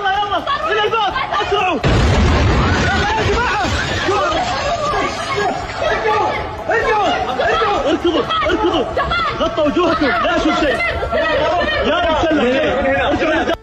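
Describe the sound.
A Houthi ballistic missile strikes King Khalid International Airport in Riyadh, Saudi Arabia, with a sudden deep, rumbling boom, while a crowd of voices keeps up loud, agitated chatter and shouting before and after the blast.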